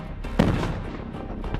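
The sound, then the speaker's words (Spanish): A loud, sharp explosion bursts out at the thunder celebration (celebración de los truenos) in San Juan de la Vega, Guanajuato, Mexico, and rolls into a dense, rumbling roar that lingers, with a smaller crack near the end over constant low booming. “Y San Juan de la Vega, en Guanajuato, México, ya está temblando porque empezó la celebración de los truenos.”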